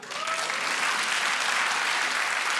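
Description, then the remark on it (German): Steady audience applause, a dense wash of many hands clapping at an even, sustained level for the whole stretch, with a faint tonal murmur at the start and no speech. “Hab die Kinder, einmal per Applaus.”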